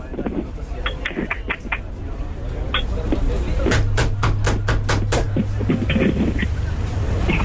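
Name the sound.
knocking on a door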